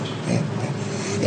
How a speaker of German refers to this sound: Beim Orang-Utan funktioniert Lachen noch eher gleichförmig. Wie auf Knopfdruck. Es klingt im Grunde jedes Mal sehr ähnlich.